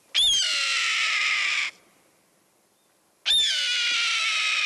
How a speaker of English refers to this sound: Yup, that's the cry of a red-tailed hawk soaring overhead.